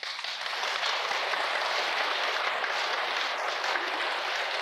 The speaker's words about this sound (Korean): 나 또 이렇게 전 국민이 이렇게 못 됐다고 그러는데 박수 치는 건 또 그러니까 그게 동감을 표시하는 겁니까? 그렇다 그거요?